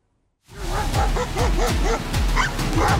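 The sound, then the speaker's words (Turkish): Three stray dogs bark and yip repeatedly in quick, overlapping bursts while chasing a small child along a street in Şırnak, Turkey, loud, with a continuous low rumble underneath and no speech. “Şırnak'ta ise başıboş köpekler küçük bir çocuğa dehşeti yaşattı.”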